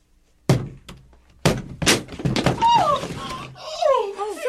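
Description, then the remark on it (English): A door is battered and broken down: several heavy, booming thuds with sharp cracking bursts, followed by loud, agitated voices and clattering. “You're breaking down the door.”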